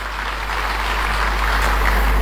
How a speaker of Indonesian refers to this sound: Tepuk tangan bagi Allah kita.